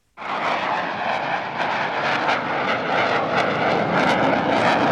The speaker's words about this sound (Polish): Dla mieszkańców Poznania dźwięk silnika samolotu F-16 nie jest żadnym zaskoczeniem. Maszyny startujące z Krzesin słychać nad miastem od 20 lat.